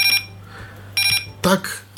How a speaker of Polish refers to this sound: Tak brzmi alarm od tego zegara. Czy kogoś obudzi, czy nie? Pozostawiam to Państwu. W każdym razie tak to brzmi.